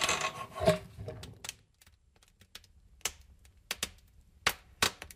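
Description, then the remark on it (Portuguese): A short burst of scraping and a faint creak of a door being opened gives way to sparse, irregular sharp pops and snaps of a wood fire crackling in a rural setting, with no voices. “Imos agora escoitar, xa que falamos da cociña económica, como sona abrir unha porta e eses sonidos do lume aquí no entorno rural tan necesario, o lume ben utilizado.”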